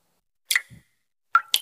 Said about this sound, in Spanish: ¿Y eso qué se oye? Ah, eso. Nada, que me gotea la ducha. ¿La ducha?